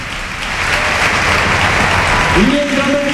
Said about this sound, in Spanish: Se marcha ya muy cansado el autor del gol, Gerard Moreno. Mira la ovación para el capitán.